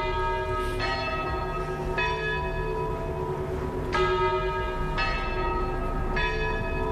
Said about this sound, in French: T'accueille avec le son des cloches. Elle accueille une cloche avec le son des cloches.